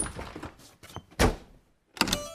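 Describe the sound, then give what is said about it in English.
A door swings shut with a heavy thud, then a moment later a sharp metallic clack as it is locked. Soft shuffling comes before the slam, and there are no voices. “They locked the door and the three bears played happily.”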